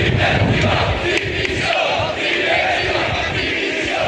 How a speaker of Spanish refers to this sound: Este es el grito que más se repetía entre los aficionados sevillistas que se manifestaron ayer, entre 8 y 10.000 según fuentes policiales. Manifestación que duró una hora y cuarto aproximadamente.